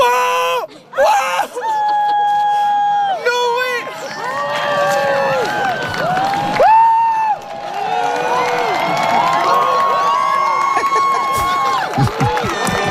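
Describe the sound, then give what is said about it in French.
A large outdoor crowd gathered at Mont Mégantic in southern Québec for the solar eclipse on 8 April 2024 erupts in excited screams, whoops and cheers, with scattered applause building throughout, loud and sustained, many voices overlapping in joyful shouting. “Oui, on s'en souvient de ses cris de joie, de ses applaudissements.”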